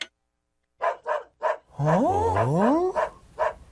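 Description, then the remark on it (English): A dog barks repeatedly in short, sharp bursts, fairly loud, with a drawn-out rising and falling howl or whine sweeping through the middle of the barking. “Oh, doggy. Doggy, doggy.”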